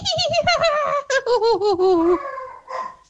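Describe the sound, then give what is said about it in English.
A woman does a filly impression and a dog at the same time: a loud, quavering, high-pitched whinny that wobbles and slides downward for about two seconds, then after a brief pause a short yappy bark. “She can do a horse and a dog at the same time.”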